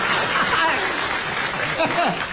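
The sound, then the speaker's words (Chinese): An audience claps in a steady, dense burst of applause that holds at an even loudness, with faint voices and a bit of laughter mixed underneath. “哎， 行行行， 那鼓掌的都观察生活啊。”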